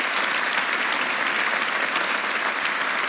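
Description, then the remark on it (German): Steady, dense applause from an audience for the large production staff in technology, the broadcast van and the editorial team, a continuous wash of many hands clapping at once, fairly loud, with no voices rising above it. “Ein riesengroßes Personal, die übrigens an dieser Stelle, finde ich, auch meinen Applaus verdienen.”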